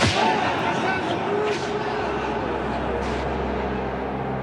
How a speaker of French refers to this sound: La peine habituelle est de 50 coups de fouet.